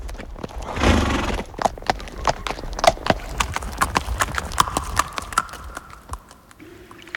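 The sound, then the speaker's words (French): The hooves of a long-eared horse clip-clop in a steady, brisk rhythm of sharp knocks, with a burst of rushing noise at the start and a faint, drawn-out tonal cry near the end. “Qui dit clope, cheval aux longues oreilles.”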